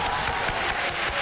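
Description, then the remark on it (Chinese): An audience applauds steadily to welcome a performer, a dense wash of many hands clapping at a constant level for about a second, with no voices rising above it. “掌声有请。”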